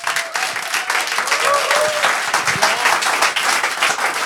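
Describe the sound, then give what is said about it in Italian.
An audience at the Auditorium Demetro Stratos, live on Radio Popolare, breaks into steady, dense applause, many hands clapping at once in a broad crackling wash that holds at an even level for several seconds, with a few faint voices mixed in. “C'è della gente davanti a me, per cui fate subito un applauso così lo sentono.”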